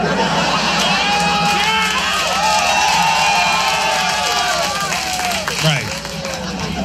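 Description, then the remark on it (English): A comedy audience at a Doug Stanhope stand-up set claps and cheers steadily for about seven seconds, a loud dense wash of applause with whoops and shouting voices rising over it, easing slightly near the end. “Clap it up.”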